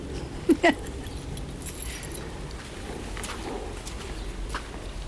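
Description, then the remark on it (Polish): Keys jingle and click against a lock as someone tries a newer key that does not fit as well as the old one, with two sharp metallic clinks near the start followed by faint scraping and handling over steady outdoor background noise. “No, a ten jest nowy, bo tam się złamał mężowi i on moje zabrał, że jest tamten stary taki klucz, a teraz i ten tak nie pasuje jak tamten.”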